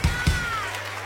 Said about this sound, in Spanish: Un aplauso para él.